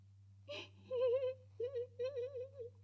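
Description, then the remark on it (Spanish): A voice makes a sharp breathy gasp, then a series of wavering, high-pitched whimpering sobs in three short bursts, moderately loud, as though imitating someone crying. “Bueno, no llores. ¿Qué te pasa? ¿Por qué lloras?”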